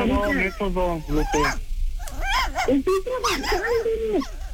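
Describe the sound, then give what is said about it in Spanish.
A small pet dog whimpers and yips repeatedly in high, wavering whines, fairly loud, with short barks mixed in and barely any pause between cries. “Créeme que me viene un buen que mi perrito se esté así, pero no.”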